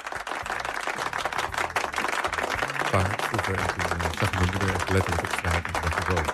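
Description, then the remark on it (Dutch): Steady, dense clapping from an audience in the Meer Radio studio, welcoming a guest, runs for several seconds with no break, mixed with low sustained tones that could be a music bed underneath. “Dames en heren, groot applaus voor”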